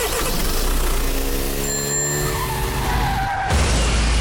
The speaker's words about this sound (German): Ja, etwa so hat es heute Morgen in Zürich getönt mit dem Auto, das nämlich in eine Scheibe reingefahren ist von einem Laden.